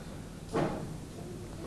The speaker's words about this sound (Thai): เล่นเก้าอี้ได้ยินนะคะ